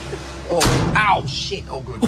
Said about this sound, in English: Also, how old was that door? It sounded like you were closing the 1800s there. No, it actually is.